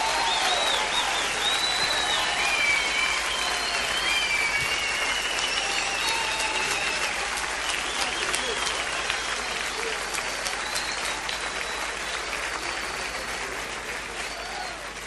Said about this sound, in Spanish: fuerte el aplauso para ellos.